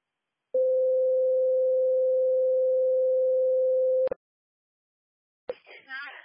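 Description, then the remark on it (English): A single long, steady electronic radio dispatch alert tone for first responders blares for about three and a half seconds and cuts off with a click, then a voice starts talking over the radio after a short pause, dispatching a 10-50 unknown call at State Road 39 and 1200 South. “noble first responders, you can disregard these tones.”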